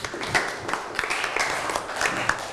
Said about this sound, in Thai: ปรบมือให้เพื่อนนะครับ